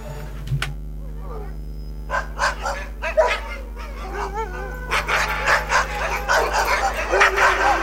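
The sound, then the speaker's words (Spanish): A small dog yaps and barks repeatedly in quick bursts, with some whiny yips mixed in, over a steady background hum. “Vamos a ir a escuchar los bailes del perro de Thalía”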